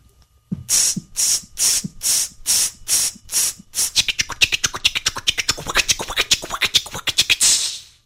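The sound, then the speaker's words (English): A dog scratching at fleas with a rough, hissing scrape: about seven slow, even strokes, then a quicker, fluttering flurry of scratches that runs to the end, with no voices. “"About all I'm good for these days is scratching fleas like this."”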